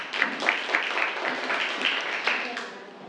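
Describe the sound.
A classroom of students claps together for a classmate who has just answered a biology question, a dense, steady burst of applause that lasts about two and a half seconds before trailing off, with a few voices mixed faintly underneath.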